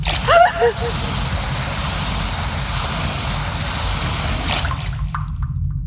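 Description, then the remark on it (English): Water gushes steadily from one of two tubes labeled in English that run down a wall, a continuous rushing, splashing stream for about five seconds, then abruptly cuts off into silence. A brief murmur sounds at the start. “Two tubes running down the wall. Food? Water.”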